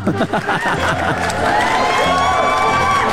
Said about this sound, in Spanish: Oigan, pues están en todo lo correcto, así que aplausos para cada uno de ustedes.